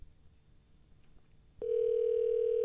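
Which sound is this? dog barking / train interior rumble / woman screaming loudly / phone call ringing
phone call ringing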